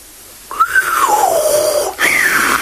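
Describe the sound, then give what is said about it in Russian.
A genie whistles: a clear whistle rises briefly, then glides slowly downward in one long falling note, followed after a short break by a second whistle that starts high again. No one speaks. “Свистнул джинн.”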